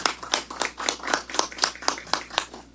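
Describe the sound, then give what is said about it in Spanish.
An audience at an inauguration claps in a steady, even rhythm as a councillor of the Municipality of Villavista is introduced to speak, about a dozen sharp, bright hand claps in under three seconds, moderately loud, with no voices over them. “Palmas, por favor, también.”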